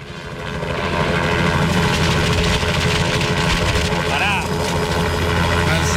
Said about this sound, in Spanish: Preocupados los vecinos, me imagino, porque saben que los martes, más o menos a esta hora, empieza a sonar el helicóptero.